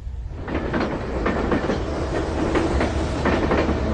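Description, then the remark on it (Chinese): A train bound for Xinyang in Henan, China, carrying Qian Sanqiang, rumbles steadily along the tracks, its wheels beating out a regular clickety-clack rhythm over a loud, continuous low roar. No voices are heard. “在原子弹成功爆炸后的第三天，前三强坐上了开往河南信阳的列车，他改名为徐进，去农村参加劳动。”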